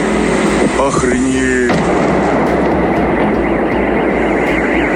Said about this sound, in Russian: Очевидцы писали о взрывах над территорией Новошахтинского нефтеперерабатывающего завода.